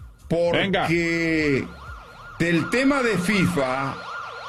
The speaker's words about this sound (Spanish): Si me puede poner sirena, señor Gabo, Dios, señor Forni, será espectacular.